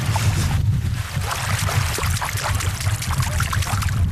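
Continuous water sloshing and splashing as someone wades through a lake, with irregular bursts of spray over a steady low churning; no one speaks.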